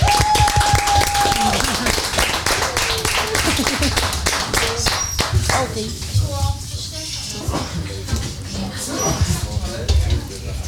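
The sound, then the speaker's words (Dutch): Dense, steady applause closing the season's last Kletskoppen broadcast, with many overlapping claps forming a continuous crackling wash at an even loudness for about ten seconds, with a brief tonal whistle at the start and faint voices mixed in. “Applaus.”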